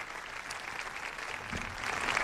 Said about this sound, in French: Un discours applaudi.